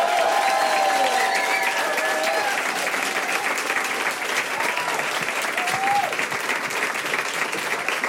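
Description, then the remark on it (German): Loud, sustained audience applause, a dense wash of clapping that stays steady for the whole stretch, with a few faint whistles and cheers rising above it. “Riesengroßen Applaus”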